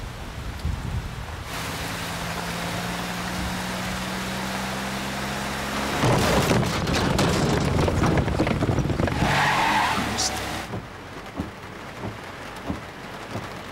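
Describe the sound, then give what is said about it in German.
A scooter's small motor engine hums steadily, then revs hard and roars off with a loud, gritty skid of tires on pavement before fading back to a quieter background. “Ich bin mit dem Roller da.”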